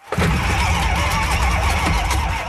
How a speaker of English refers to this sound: I'm in a small, sunblasted car park under a raised highway in Hyderabad, a huge city in South India. I'm sitting inside a vehicle that's shaped like a massive yellow motorbike helmet, and I'm driving it in circles.